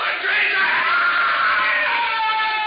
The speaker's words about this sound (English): He began to scream. But then, after a while, he was silent.